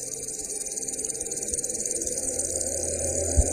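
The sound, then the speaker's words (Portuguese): A dense swarm of locusts fills the air with a steady, continuous chirring buzz, sustained and unbroken from start to finish, with no voices present. “E pela manhã, o vento trouxe os gafanhotos.”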